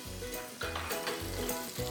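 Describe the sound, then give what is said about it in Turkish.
Colored peppers frying in a pan, a steady sizzle with dense crackling that swells slightly in bursts as they're stirred, with a low tonal hum underneath and no one speaking. “Biberlerimizi renkli renkli pişirmeye devam ediyoruz.”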